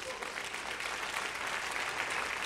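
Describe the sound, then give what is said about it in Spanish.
An audience claps steadily, a dense wash of many hands applauding at an even loudness throughout, with no voices standing out above it. “Dele un aplauso a Dios.”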